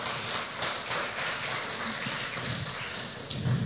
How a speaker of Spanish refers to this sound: ¿Puede o no puede, Señor? Dele un fuerte aplauso al Rey de Reyes, al Señor de Señores.